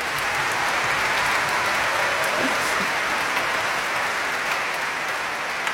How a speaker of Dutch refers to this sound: Ja, dat mag eigenlijk ook een applaus.